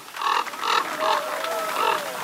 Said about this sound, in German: And the winner is... Der Kolkrabe.